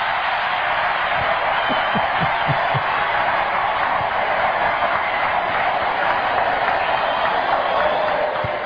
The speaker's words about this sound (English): How can you cheer for that? How can you clap for that?